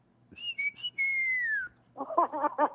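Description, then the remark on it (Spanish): A person whistles a few short notes, then holds a long, slowly falling tone. Afterward a voice starts speaking. “y ya saben, ya todos los domingos un chiflito de esos porque no me sale.”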